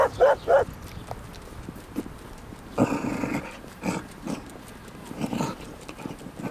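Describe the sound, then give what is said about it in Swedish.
A dog gives a quick run of three sharp barks, then a rough, gravelly growl and a few scattered yaps follow, moderately loud over quiet background noise. “Då kommer det en annan hund.”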